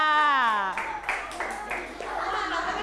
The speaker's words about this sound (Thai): ปรบมือให้กับกลุ่มที่3ค่ะ